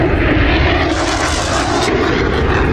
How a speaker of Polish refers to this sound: Ogromny ryk silników samolotów Sił Powietrznych Stanów Zjednoczonych, które w tej chwili dokonują przelotów nad amerykańską stolicą.